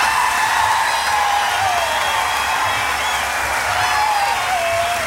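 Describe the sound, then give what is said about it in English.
A large crowd at the 1991 Jazz Fest applauds and cheers as a jazz singer is brought to the stage, a steady, loud wash of clapping with a few shrill whistles and shouts rising above the noise throughout. “Please keep your hands together. And with a big 1991 Jazz Fest cheer, bring to the stage New Orleans' First Lady of Jazz,”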